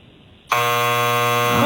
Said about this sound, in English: I'm sorry about the buzzer. Did not want to hear that sound.